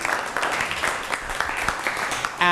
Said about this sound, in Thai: นั่งลงครับปรบมือให้กับเพื่อนหน่อย